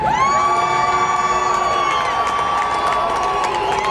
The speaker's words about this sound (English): Boo all you want to. Boo away. Some of us have real faith. And for those of you f***ing booing us, some of us are not afraid.